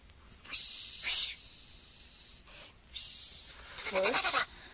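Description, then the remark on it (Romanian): Several bursts of dry, hissing rustling coming down the chimney from above arrive in uneven waves with short pauses, ending with a brief wavering, bleat-like cry amid the noise. “Acum aud și eu fâșietul acela.”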